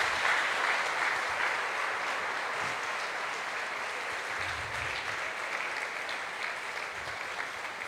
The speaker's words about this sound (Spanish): Y esta belleza de hombre que tenemos aquí, que pido que le demos un aplauso al cielo por el Papa Francisco.